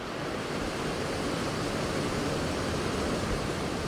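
A steady, dense roar of rushing water fills the whole stretch, constant and unbroken, a waterfall pouring into a fast mountain stream in Hawaii, fairly loud with no voices.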